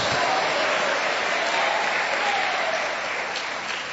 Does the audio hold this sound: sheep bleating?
no